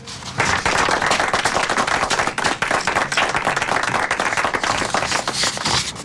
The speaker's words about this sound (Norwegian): Og da skal vi klappe.